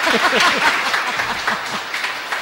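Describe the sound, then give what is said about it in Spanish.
A crowd of schoolchildren at the Escuelas Pías school clapping together in a large classroom at a COPE radio set, a dense, steady patter of many hands that holds loud throughout, with a few high young voices calling out underneath. “Voy a pedir un niños, aplauso.”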